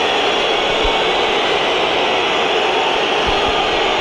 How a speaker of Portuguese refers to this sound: Entra em campo Rafael Leão e é um gordo e assobios para um jogador que saiu a mal com o Sporting em 2018 com 19 anos e é agora altamente assobiado